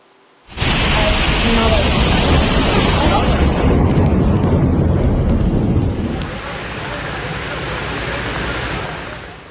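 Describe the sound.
Heavy, steady roar of torrential rain and rushing floodwater in the city of Varna, Bulgaria, loud and unbroken, easing slightly partway through before continuing. A faint voice may sit beneath the wash.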